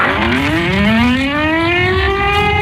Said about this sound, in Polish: Przejmujący, ale jednocześnie symboliczny i ważny dźwięk syren co roku wybrzmiewający w godzinie W, czyli o 17:00 i przypominający o rocznicy wybuchu Powstania Warszawskiego.